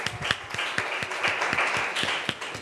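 A small group applauds, with steady overlapping claps and some sharper individual hand claps standing out in an irregular rhythm, moderately loud throughout.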